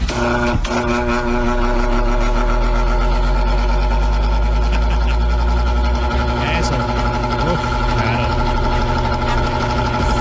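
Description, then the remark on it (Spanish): An electric fan switched on during a hot day: a brief click near the start, then a loud, steady motor hum with layered tonal whine that drones on evenly throughout. “Ya le prendo el ventilador. Ahí va.”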